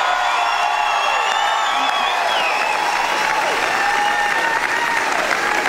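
Loud, sustained applause from a large crowd giving a standing ovation at the Logies to Australian comedian Magda Sabansky as she appears in character as Sharon Strzelecki; dense and continuous, with cheering and a few whistles and whoops rising above the clapping throughout.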